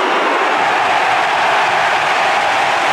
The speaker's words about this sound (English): Listen to the crowd with Lockie Neil lining up for goal. This to put Brisbane in front.